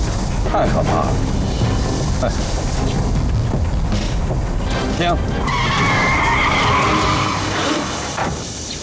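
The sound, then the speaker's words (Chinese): A car's tires rumble loudly and steadily, the right tire seeming to have a problem, with a rising squealing whine from the wheels around the middle before the noise eases slightly at the end. “哎， 听， 我听着右轮胎好像有问题呀、啊， 你下去看看。”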